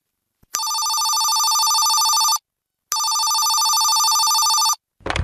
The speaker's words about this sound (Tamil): யாரோ ஃபோன் பண்ணுறாங்கம்மா.